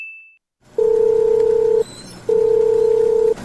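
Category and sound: signal or alarm, phone call ringing unanswered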